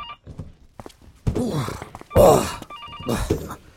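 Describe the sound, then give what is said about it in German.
A telephone bell rings in short electronic bursts at the start and again near the end, between loud, dull thuds and scraping, effortful noises. “Ich muss zum Telefon.”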